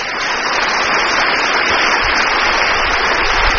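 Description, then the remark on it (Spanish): Steady, dense applause for the pastors from a large crowd fills the whole stretch, loud, a continuous wash of clapping with no voices standing out. “Aplauso para nuestros pastores.”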